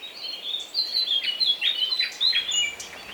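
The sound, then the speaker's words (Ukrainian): A family of nightingales in a nest on a bush sing in a steady, busy stream of high chirps and trills, several birds overlapping at moderate volume, with no voices present. “А на кущі у гніздечку, яке висіло майже над самою їжачковою хаткою, жило сімейство солов'їв.”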